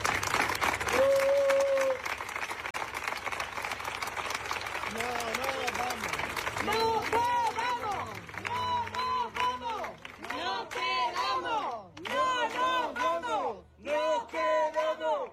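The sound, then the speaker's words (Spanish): A loud protest crowd at a rally in Madrid, held in front of Ayuso's penthouse, cheers and claps, then breaks into rhythmic group chanting, many voices shouting "el ático de Ayuso" in repeated, evenly spaced bursts. “Sí, aquí estamos en la concentración que ha comenzado hace tan solo unos minutos, al frente del ático de Ayuso, a gritos de el ático de Ayuso”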